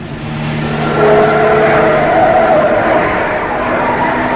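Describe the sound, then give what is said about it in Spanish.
A car engine hums steadily and loudly with a low droning tone and some tire noise as the car turns onto a road and keeps moving, growing slightly louder after the first second; it is in the Hassel Mahal neighborhood of Tangier. “Calimán mira por la ventanilla del auto.”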